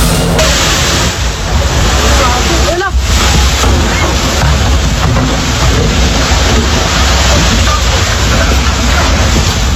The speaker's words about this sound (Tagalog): Dinig sa video ni Brian Biag ang nagundong ng mga bato nang gumuho ang bahagi ng bundok